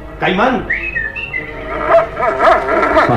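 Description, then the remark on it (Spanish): A dog named Caimán whimpers and whines in a series of high, wavering cries, fairly loud throughout, with a few brief scratchy bursts near the end as it paws furiously at a building's door, following a scent. “Su instinto lo hace arañar furiosamente contra la puerta siguiendo el rastro, pero se impone la obediencia a su amo.”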